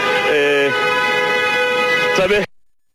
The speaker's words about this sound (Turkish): Tabii saat burada bekleyenlerin de kornayla tepkilerine sahiplik edebiliyoruz bir yandan.